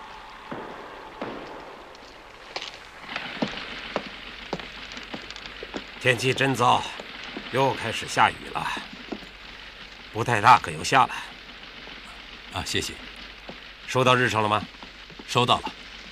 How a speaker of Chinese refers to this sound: 天气真糟，又开始下雨了。不太大，可又下了。